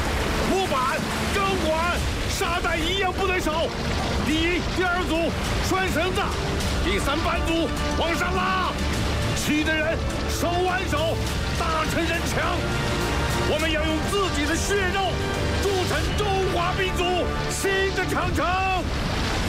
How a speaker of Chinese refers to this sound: 起风了，起风了！ 霍队， 大风把潮水吹过来了，舰上物资一旦被潮水卷走，码头就无法完工